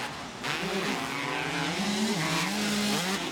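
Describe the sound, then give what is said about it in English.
Motocross bike engines rev hard and loud during a race, the bikes running neck and neck, jump for jump, their whining pitch climbing and dipping over a few seconds in a steady, continuous roar, with no one talking. “Oh, they are revving these things out hard.”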